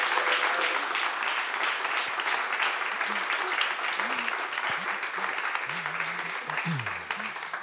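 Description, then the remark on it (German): Sustained audience applause for three tasters at an event about recordings of Mendelssohn-Bartholdy's music, a dense steady clatter of many hands clapping at an even loudness, with faint voices murmuring underneath toward the end. “Und jetzt bitte ich um einen herzlichen und großen Applaus für unsere 3 Verkoster.”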